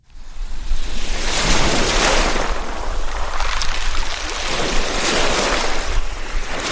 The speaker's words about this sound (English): Lake Ontario's waves push briefly ashore, then pull back, a rhythm as old as the earth itself. It is a peaceful morning at Mexico Point State Park